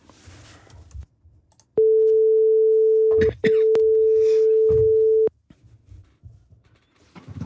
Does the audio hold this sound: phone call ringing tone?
yes